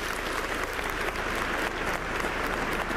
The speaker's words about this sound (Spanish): Les aplaudimos a ellos porque lo merecen.